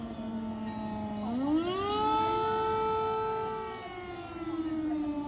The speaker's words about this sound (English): So, we just heard an air alarm, which means that all the babies are being taken to the basement for safety.